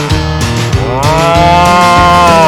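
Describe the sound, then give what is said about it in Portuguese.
A herd of cattle at Fazenda Alvorada moo loudly and continuously, overlapping low bellows with rich harmonic tones, one call rising in pitch midway through; no talking is heard. “Descarrega a boiada. Dá um sal, uma água.”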